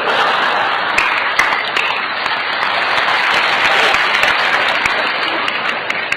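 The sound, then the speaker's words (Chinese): A large audience applauds steadily for about six seconds after the answer to a riddle in a comic performance, a dense, even wash of many hands clapping at once with no pauses and no one talking over it. “我还没说呢，不是，我说完之后您再鼓掌啊，是不是啊？”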